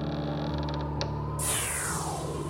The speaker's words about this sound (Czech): Večer se otevřely dveře